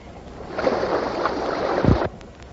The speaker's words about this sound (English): I heard a set cut out. There was water. I know I heard rushing water.